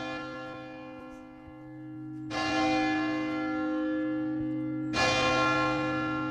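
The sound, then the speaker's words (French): A large bell of the Cathédrale Saint-Vincent in Saint-Malo rings, struck twice a few seconds apart, each deep, loud clang swelling into a long shimmering hum that never fully fades between strokes. “on se trouve sous la cloche de la cathédrale Saint-Vincent de Saint-Malo.”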